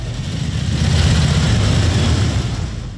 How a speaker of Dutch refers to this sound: Wat een mooi geluid. Daarom zitten we hier, hè? Schitterend, die Harleys allemaal, hè?